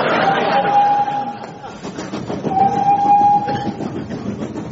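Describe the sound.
A voice imitates a train, blowing two drawn-out whistle tones over a steady chugging, clattering rhythm, fairly loud.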